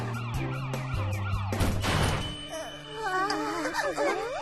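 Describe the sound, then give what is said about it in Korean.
A police car siren wails in rising and falling sweeps, fairly loud and growing closer, over a busy background of other tones and a brief clattering burst. “뭐지? 신고도 안 했는데 벌써 경찰차가 온다고?”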